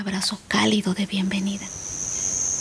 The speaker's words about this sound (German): Vor mir liegen Stalagmiten, Stalaktiten und Höhlengänge, in denen sich Wasser gesammelt hat. Fledermäuse flattern durch die Luft und Grillen zirpen.